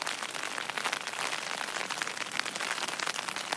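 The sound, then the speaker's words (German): Steady rain patters on a taut tent surface, a dense, continuous crackle of drops with no voices, holding an even intensity throughout. “Ich kann ja nicht raus in den Regen und abbauen.”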